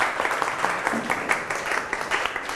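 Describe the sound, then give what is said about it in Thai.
Students in a science lesson on seed germination clap their hands for themselves at the teacher's request, dense, overlapping applause that stays fairly steady for a couple of seconds, with a faint hint of voices mixed underneath. “เก่งมากปรบมือให้ตัวเอง”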